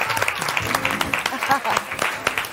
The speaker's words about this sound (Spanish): ¡Fuerte aplauso